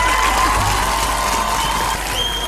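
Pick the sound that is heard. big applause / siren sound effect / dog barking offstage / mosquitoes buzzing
big applause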